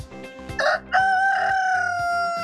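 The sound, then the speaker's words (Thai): A rooster (male chicken) crows once, loud, a short rising opening followed by a long sustained wavering call over background music. “hen rooster ตัวผู้ hen ตัวเมียครับ”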